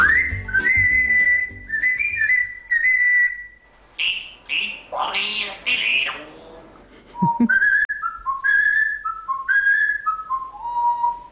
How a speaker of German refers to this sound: Und heute hatten wir ein ganz besonderes Talent, den Jakob. Das ist ein Kongo-Graupapagei und Jakob hat's voll drauf. Der pfeift jeden Tag seine Lieder.